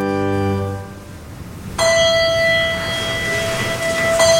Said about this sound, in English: A bell chimes to start a service in a small chapel off to the side. It lets parishioners step away from the crowd of tourists in the main hall.